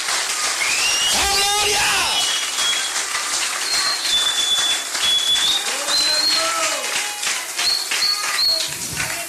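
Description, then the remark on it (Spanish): A steady, dense wash of audience applause praising God during a sermon tonight fills the whole stretch, with shrill whistles and scattered cheering voices rising over the clapping. “Si le va ese aplauso, véselo con ganas esta noche.”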